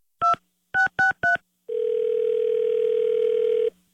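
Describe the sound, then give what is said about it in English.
Four quick touch-tone keypad beeps dial a prank call to a pharmacy, then a single steady telephone ringing tone that holds for about two seconds before cutting off. It is clear, with no voices. “Don't answer the phone. It's another K-Win Carmen prank call.”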